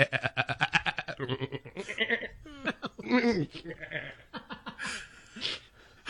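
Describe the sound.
A voice imitates a goat in a studio, letting out a run of loud, quavering bleats and strained screams in rapid succession, with a few chuckle-like bursts mixed in.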